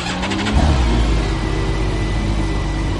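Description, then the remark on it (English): A six-cylinder BMW motorcycle engine in a three-wheeled T-Rex car at Compagnie Motors cranks for a split second after the engine start button is pushed, then fires up and settles into a loud, throaty rumble that holds steady with slight revving. No one speaks. “The only thing left to do is push the little engine start button.”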